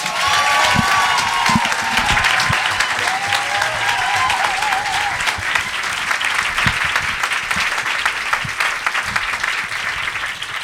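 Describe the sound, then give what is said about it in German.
Loud, sustained applause from a large audience at the Jahreszeiten Poetry Slam, welcoming the next contestant, from Stuttgart, onto the stage. Dense clapping fills the whole stretch, with a few whoops and cheers rising above it, steady throughout. “Ihr klatscht sie wieder mit einem tosenden Applaus auf diese Bühne.”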